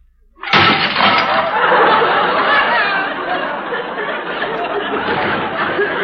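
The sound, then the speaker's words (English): A stack of dropped dishes, plates, soup bowls, cups and saucers, crashes to the floor with a sudden loud smash, then keeps clattering and shattering for several seconds in a dense, noisy jumble, with a murmur of voices underneath. “We heard a crash. What happened? Hey, what is it, Miss Brooks? Nothing. I merely dropped a few dishes.”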